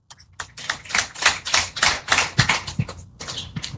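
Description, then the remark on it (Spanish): A church audience applauding the praise ministry after a song: dense, crackling handclaps from many people swell and ebb for several seconds, fairly loud, with no voices over them. “Que haya un fuertes aplausos”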